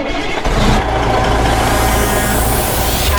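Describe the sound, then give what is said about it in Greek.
A traffic sound effect: steady, loud traffic noise with a deep engine rumble, like a truck or bus idling and revving, with a brief hiss of air brakes near the start. No one speaks. “Κάθε φορά που βάζω αυτό το ηχητικό εντωμεταξύ νιώθω όλες και βάζω μπροστά το αυτοκίνητο.”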